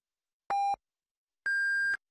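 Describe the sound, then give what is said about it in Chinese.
Two electronic time-signal beeps on China's Yicai (First Financial) radio marking 13:30 Beijing time: a short, lower pip followed about a second later by a longer, higher-pitched tone, both clean and steady with silence around them. “现在是北京时间13:30。让投资更高效的汇正财经，请您准确对时”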